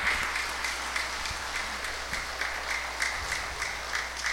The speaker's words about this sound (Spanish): Aplausos.